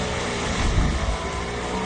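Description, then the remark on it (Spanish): Racing car engines, tied to Formula 1 driver Franco Colapinto, roar in a steady, dense rumble that fills the short stretch, loud, swelling slightly in the middle with no voices over it. “Colapinto, ya empieza el rugir de los motores.”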